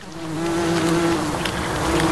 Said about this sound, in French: Il y a le bourdonnement des insectes.